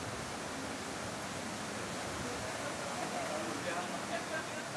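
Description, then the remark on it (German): Water churns and rushes steadily around the turning wheel of the Bischofsmühle, a water mill restored in 2014 that grinds flour for its own bakery; a loud, continuous splashing roar with no clear pauses or distinct beats. “Die Bischofsmühle ist die letzte erhaltene Wassermühle.”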